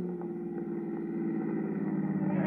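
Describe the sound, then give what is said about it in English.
A car engine hums steadily, a low, even rumble with no voices, its pitch and loudness shifting only slightly as the car slows down and pulls up. “Slow down.”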